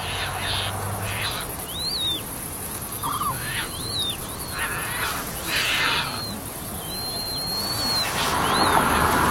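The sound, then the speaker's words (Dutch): High, thin peeping calls of tern chicks repeat in short chirping bursts over a steady hiss of wind and insects, with a few brief lower notes in between. “Het jongen nu ook. Die hoor je piepen, hè? Dat hoge gepiep.”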